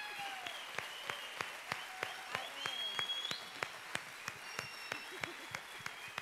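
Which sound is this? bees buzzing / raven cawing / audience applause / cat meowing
audience applause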